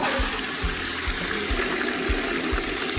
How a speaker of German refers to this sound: Ihr denkt gerade, hat jemand die Klospülung benutzt? Vielleicht, es könnte aber auch ein Papagei gewesen sein. Einige Arten können rauschende Klospülungen nachahmen, genau wie Klingeltöne und Menschenworte.